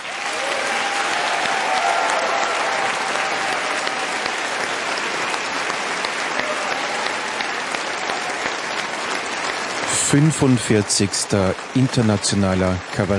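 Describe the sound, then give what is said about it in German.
A large audience in the hall of the Kurhaus in Meran, South Tyrol, applauds steadily for about ten seconds at the live award evening of the 45th International Cabaret Forum Salzburger Stier. The clapping is a dense, even wash, and a voice begins speaking over the fading applause near the end. “Dankeschön auch an alle hier im Saal. Sie waren ein wunderbares Publikum.”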